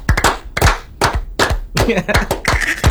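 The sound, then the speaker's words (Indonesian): A run of sharp, loud hand claps in an uneven rhythm, roughly a dozen strikes over a few seconds, with faint voices underneath. “Itu tepuk tangan.”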